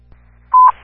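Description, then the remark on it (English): A single short, loud electronic beep, a steady pitched dispatch alert tone lasting a fraction of a second over a faint low radio hum, with no voices. These are alert tones for Fire Rescue Station 37 on a cardiac call at Jefferson Street Union Mission. “Fire Rescue Station 37, disregard your last tones.”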